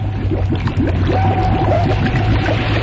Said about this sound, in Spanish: Timoteo estaba a punto de alcanzar a NASCAR cuando escuchó a cierta distancia el sonido peculiar de las aspas que regulaban la evacuación del agua de la presa.